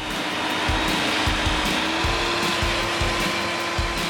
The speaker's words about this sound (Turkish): Kontrplağa takmak için iki köşeye delik açmamız gerekiyor. İlkini ben yapayım, diğerini sen yap.